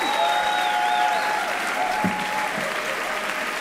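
Sustained applause from a large crowd fills the space, a dense steady wash of clapping with faint whistles and cheers rising above it, continuing without pause throughout.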